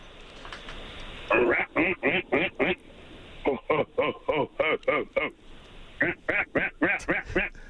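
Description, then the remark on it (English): A person mimics a greater prairie chicken's mating call, voicing three loud, rapid bursts of clipped, cackling syllables in a steady rhythm. “For someone who's never heard a Greater Prairie Chicken mating call before, …, that was a pretty solid effort”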